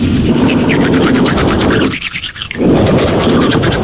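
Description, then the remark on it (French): A toothbrush scrubs back and forth in quick, steady strokes, a loud, wet, bristly rasp that pauses for about half a second before the brushing resumes. “C'est pas récemment une brosse à dents, non? Quand tu brosses les dents.”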